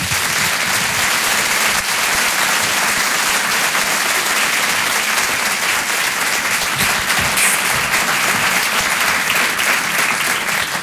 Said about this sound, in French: Tout le monde d'applaudir, s'il vous plaît.